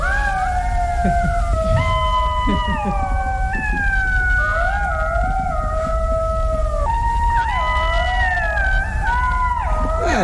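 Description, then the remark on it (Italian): A pack of golden jackals howls in chorus, several high, wavering voices overlapping and sliding up and down in pitch, sustained and fairly loud throughout with no talking. “È lo sciacallo dorato.”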